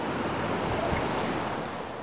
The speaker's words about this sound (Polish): Miałem się wykąpać w tym Czarnym Dunajcu, a wykąpanie oznacza generalnie chyba wejście w całości do tej wody. Położę na kamieniu i za chwilę wskakuję. O! Zimno.